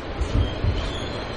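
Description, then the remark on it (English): A New York City subway train rumbling along the tracks, a steady low roar with a couple of heavier thumps near the start, continuous with no voices. “The New York City subway. It transports 5.38 million people per day.”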